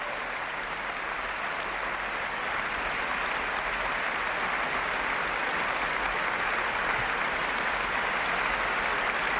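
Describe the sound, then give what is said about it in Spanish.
Sustained applause from a large audience in a concert hall as a soloist comes out again to take her bows, a dense steady wash of clapping that holds at an even level throughout with no voices standing out. “De nuevo sale a saludar y a recibir los aplausos del público”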